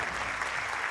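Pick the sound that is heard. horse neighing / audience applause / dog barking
audience applause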